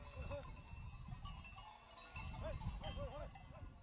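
A flock of sheep penned tightly together for the night at a ski station 2,000 metres up, resting, with steady shuffling and rustling and a few bells clinking on and off, most busily toward the end.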